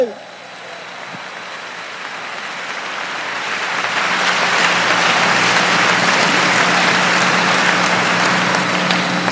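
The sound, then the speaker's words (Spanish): A crowd bursts into sustained applause for Christ Jesus, the clapping swelling over the first few seconds into a dense, steady roar of many hands that continues loudly to the end. “¡Dale un fuerte aplauso a Cristo Jesús!”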